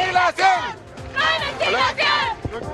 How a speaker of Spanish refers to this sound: Esa es parte de lo que están señalando ahora, sus cánticos que están realizando con el objetivo justamente de dar a conocer su descontento por problemas de infraestructura que acusan en esta sede ubicada en Avenida Presidente Ibáñez en Puerto Montt.